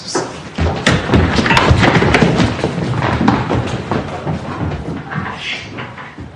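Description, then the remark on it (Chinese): Several dull, loud knocks on a tabletop, knocked at a man slumped in a chair, come at an uneven pace against a busy, rustling background, with no one speaking. “冲着老油条敲敲桌面。”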